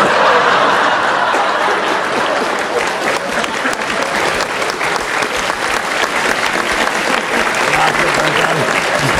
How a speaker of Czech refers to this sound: A v tom je síla Jiřího Kodeta. Jedna věta, aplaus, to rozumím.